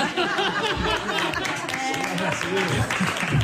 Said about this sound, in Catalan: Fort aplaudiment.